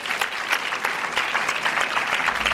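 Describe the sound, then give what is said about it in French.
An audience applauds steadily for actor Kessy Motet-Klein, a dense wash of many hands clapping at a fairly loud, even level with no voices on top. “Mesdames et messieurs, on applaudit l'acteur Kessy Motet-Klein, s'il vous plaît.”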